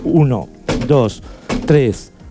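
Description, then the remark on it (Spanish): Heavy thumps of five heel-of-hand back blows struck between the shoulder blades of a coughing victim during choking first aid land in a steady rhythm, each dull impact followed by a strained, groaning voice, with a couple of sharp, loud hits standing out. “Voy a dar 5 golpes con el talón de la mano al nivel de las escápulas.”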